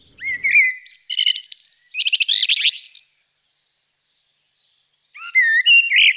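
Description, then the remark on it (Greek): A common blackbird sings flute-like, warbling phrases, clear, with a long rich phrase, a pause of silence, then another melodic burst. “Κότσιφας. Ακούγεται από τα μαύρα χαράματα.”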